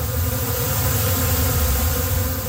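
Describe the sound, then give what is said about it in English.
A dense, steady buzzing drone of many bees inside a hive bed used for bee bed therapy in southwestern Ontario, continuous, with a low hum underneath, no electricity involved, and no pauses or voices. “There's no electricity to it. It's all the bees.”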